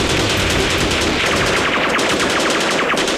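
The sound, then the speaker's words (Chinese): Rapid bursts of automatic gunfire rattle continuously after the order to fire, a dense, loud stream of sharp repeated shots with overlapping volleys and no speech. “小鬼子，爷爷不陪你们玩了。 射击！”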